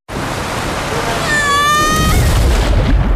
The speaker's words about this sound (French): Vous venez d'entendre le bruit d'une descente en toboggan à Aqualibi.